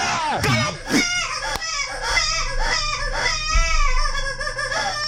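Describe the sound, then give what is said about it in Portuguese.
A baby cries in strained, wavering wails that rise and fall continuously for several seconds, fairly loud, over a low steady hum. “Nana, nana, nana, nana, nana. Nana, nenê, a tio quer vir pegar.”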